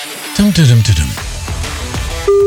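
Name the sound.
telephone ringback tone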